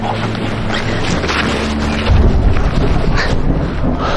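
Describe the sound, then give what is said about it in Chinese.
Thunder rumbles low and heavy as rain is coming, swelling about halfway through and rolling on to the end over a steady wash of wind-like noise. No one speaks. “这还要下雨。”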